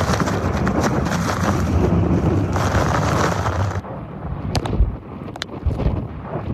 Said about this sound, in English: You know what? These are the worst winds that we've gotten all night.